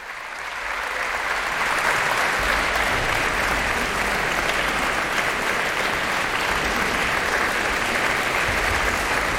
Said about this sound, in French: François Leleu qui se promène dans les rangs des musiciens pour les faire se lever les uns après les autres pour que chacun ait sa part d'applaudissements à la suite de cette interprétation de la symphonie de chambre créée à Vienne le 12 mars 1917.